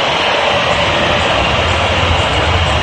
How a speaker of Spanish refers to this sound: El momento, escuchen la silbatina del público.